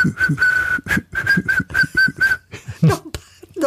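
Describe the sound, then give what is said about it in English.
Someone whistles a short tune, a clear high tone pulsing in quick rhythmic notes for a couple of seconds, followed by a brief burst of voice. “Come on, let's hear your whistle.”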